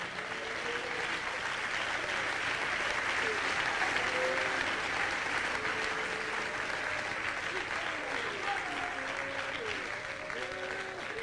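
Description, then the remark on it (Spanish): An audience applauds the King (Christ) in a steady, dense wash of clapping that holds for several seconds, with faint voices calling out beneath it. “Dele palmas al Rey.”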